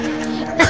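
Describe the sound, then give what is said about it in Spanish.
A voice is followed by a single sudden sneeze that bursts out loudly at the very end. “¡Salud!”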